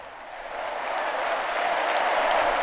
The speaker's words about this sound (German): Tosender Applaus für Papst Leo